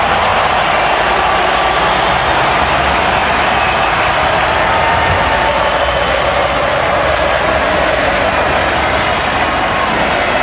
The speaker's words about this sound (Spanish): Todo lo que aparece Messi se transforma en aplauso. Impresionante. Es impresionante. Impresionante.